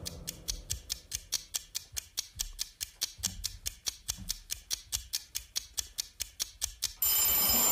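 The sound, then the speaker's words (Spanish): A vintage bell, used as the timer ending a seven-second vote, rings in a steady, rapid series of bright metallic strikes for about seven seconds, then gives way to a harsh, sustained buzzing tone at the end. No one speaks. “Qué bonito suena el timbre este vintage que tenemos.”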